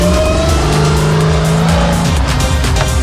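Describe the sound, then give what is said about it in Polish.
A car engine roars loudly and steadily as tires squeal and scrub during a timed driving skills trial, the pitch wavering as the car spins and struggles for grip, with no voices. “Jak widać, mamy troszkę obrocików, mamy trochę walki z przyczepnością.”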